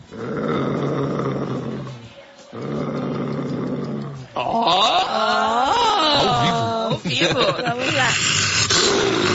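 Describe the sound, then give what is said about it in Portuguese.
A voice imitates a lion's roar: two loud, rough, growling bursts, followed by longer, higher, wavering roaring cries that rise and fall without pause. “Todo dia Noé ouvia o leão fazendo assim.”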